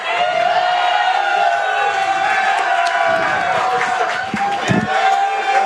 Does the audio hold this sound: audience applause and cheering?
yes